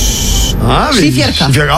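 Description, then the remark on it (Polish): A man's voice imitates smoothing wall plaster during a summer renovation: a steady hissing scrape, then rising and falling voiced swooshes like a trowel sweeping across a wall, fairly loud. “Poszły gładzie.”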